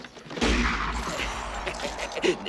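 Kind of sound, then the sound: impact, gunshots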